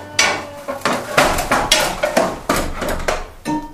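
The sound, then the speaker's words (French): Heavy metal clanks and scrapes as cast iron pieces of an oven are shifted and set into place, including the gueulard, the oven's central cast-iron piece; a series of sharp knocks and rattles of varying loudness with no talking. “mettre la pièce de fonte qui s'appelle le gueulard, qui est la pièce centrale de notre four.”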